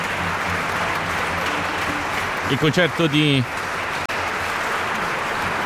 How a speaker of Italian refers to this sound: il concerto per clarinetto e orchestra numero 2 in mi bemolle maggiore, opera 74 di Carla Maria von Weber, mentre il rito degli applausi ovviamente procede e giustamente Riccardo Manco rientra in scena per ricevere questi applausi.